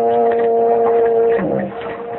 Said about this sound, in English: I heard whistle a big ship. No, you didn't. That was just a foghorn.